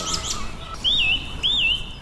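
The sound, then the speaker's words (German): A song thrush sings a clear, wavering whistled phrase twice in quick succession, each repeat nearly identical, after a few short high notes, with no voices and a faint background hiss. “die Singdrossel kann man immer ganz gut daran erkennen, dass sie ihre Motive immer mehrfach wiederholt”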